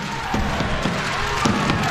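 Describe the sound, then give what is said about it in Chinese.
A crowd of spectators at a table tennis match involving Moregård cheers in a steady, dense roar that holds for two seconds, with a few dull thumps standing out above the noise, after a tense rally. “这点燃了现场的观众，这种紧张的情绪拉得挺满的。”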